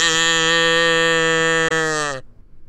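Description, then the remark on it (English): A cow named Latte gives a single long, loud moo, steady and droning for about two seconds before it cuts off abruptly, followed by a brief quiet tail, as an audience is invited to moo along after a 3-2-1 countdown. “Latte will moo. You will moo with her.”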